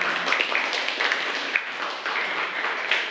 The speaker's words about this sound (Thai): ค่ะปรบมือให้กับตัวแทนด้วยค่ะ